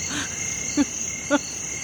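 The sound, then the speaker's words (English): A grasshopper chirps in a steady, high, continuous drone, with two or three short, low croaking calls popping up nearby over quiet outdoor night ambience. “Listen to the grasshopper.”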